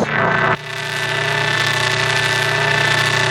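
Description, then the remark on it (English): A steady, loud mechanical hum of generators, droning with strong low tones and a constant high whine, after a brief burst of rougher noise at the start. No voices are heard. “The hum of the generators.”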